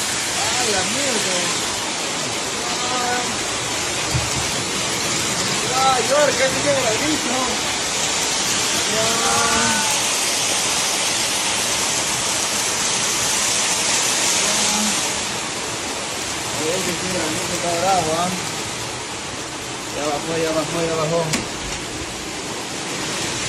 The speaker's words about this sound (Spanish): Ya bajó. Una lluvia intensa y con granizada en Huancabamba.